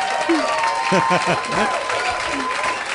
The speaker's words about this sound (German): Hier kommt ein Applaus.